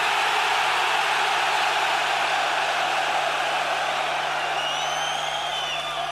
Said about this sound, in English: think the city of Stockholm heard that there was 32,000 fucking heavy metal fans in this stadium tonight? Give them the fucking scream so they fucking can!